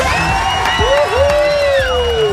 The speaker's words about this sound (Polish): Uwaga, tu stoi tłum ludzi z tyłu. Patrz, posłuchaj, jak oni wiwatują na twoją cześć.